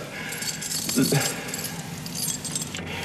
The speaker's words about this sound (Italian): l'hanno buttato via le chiavi per farmi capire che non è più la padrona, lei, hai visto?